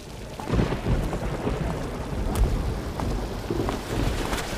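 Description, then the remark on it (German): Heavy rain pours down steadily in a dense, unbroken wash of noise, with low rumbling swells underneath like thunder. No voices are heard. “Mein Chef lässt mich Überstunden kloppen und ich muss durch den Regen laufen, nur weil der scheiß Bus heute nicht mehr fährt.”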